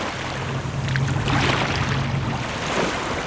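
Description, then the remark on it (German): The calm water of the Bidassoa river flows steadily toward the sea past Pheasant Island, between Spain and France, with a soft, continuous rush and gentle swells, a faint low drone underneath and no voices. “Der Bidassoa fließt ruhig dem Meer entgegen.”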